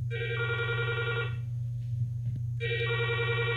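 A telephone rings with the first incoming listener call of a phone-in program: two bright, harmonic electronic ring bursts separated by a short pause, steady and fairly loud over a low background hum, with no talking.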